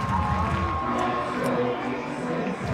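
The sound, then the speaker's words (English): A large baseball stadium crowd roars steadily during an extra-inning game, its many voices blending into a loud, continuous wash. Fans chant in sustained tones, and a few sharp bursts of clapping poke through the din. “The claps and the chants have been going on all night long.”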